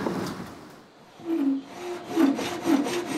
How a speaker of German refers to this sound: Eine Sägemühle aus dem Jahr 1876. Und sogar im Original erhalten.